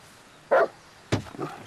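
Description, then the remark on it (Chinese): A large wolfdog kept in a courtyard barks twice, loud, with a short gap between the deep, gruff barks; the second bark trails off roughly. “哎呀，可不是嘛，这我平时都不敢来，就怕他院里那条大狼狗。”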